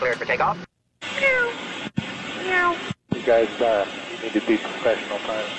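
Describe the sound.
Pilots imitate cat meows over a crackly, band-limited aircraft radio channel, several drawn-out mewing calls in a row, broken by brief silent gaps where the transmission cuts out.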